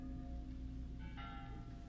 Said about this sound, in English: If it's an omen you're after, take the beauty of the bells.